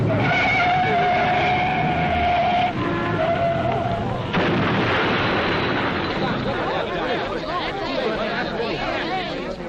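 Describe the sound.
Tires squeal in a long, high skid for several seconds as two cars coming from opposite directions meet, then a loud crash erupts, followed by a crowd of voices chattering excitedly.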